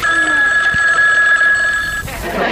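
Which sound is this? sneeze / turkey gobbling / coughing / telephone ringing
telephone ringing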